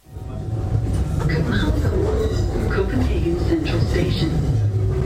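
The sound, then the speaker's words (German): Steady interior rumble of an S-Bahn commuter train in motion in Copenhagen, heading to the main station, a continuous low roar with faint rattling, while muffled voices murmur in the background throughout. “Als ich am nächsten Morgen dann in Kopenhagen Süd ankomme, nehme ich erstmal die S-Bahn, um zum Hauptbahnhof zu kommen.”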